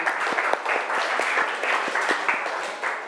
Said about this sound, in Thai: ปรบมือเพื่อนหน่อยเร็ว